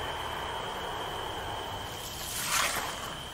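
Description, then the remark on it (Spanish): A low, steady rumble of a passing car, heard near a convent, over constant background hiss and a thin high whine, swelling briefly louder toward the end before fading back. No one speaks. “Se oye un coche o un avión, no sé lo que es.”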